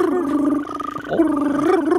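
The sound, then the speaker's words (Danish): A human voice imitates the call of a green toad, also called the whistling toad, with a sustained, buzzing, trilled hum at a steady mid pitch. It falters briefly midway, then carries on with a slight wavering rise. “Sådan her lyder den grønbrogede tusse.”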